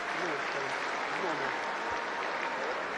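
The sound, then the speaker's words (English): Steady crowd applause in a stadium at a Freight football game, as injured player Tears sits up while the athletic trainer checks on him. A dense wash of clapping with faint voices and cheers mixed in, holding at an even, sustained loudness throughout. “Well, athletic trainer Mike Daniels out to check on Tears as he sits up and receives an applause from the crowd.”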